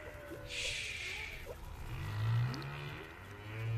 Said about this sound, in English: Oh, humpback whales are too loud.